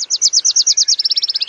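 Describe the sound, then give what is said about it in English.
A Wilson's warbler sings: a bright, high run of about a dozen sharp chattering notes that quickens partway through into a faster, tighter series, clear and alone. “Young male warblers, fledged in June or July, have been learning their father's songs all summer.”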